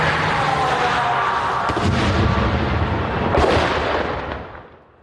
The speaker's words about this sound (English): The grey smoke, perhaps it hit the net. That was close, loud. You could hear the shrapnel landing on the tarmac, clearly targeting that armoured vehicle.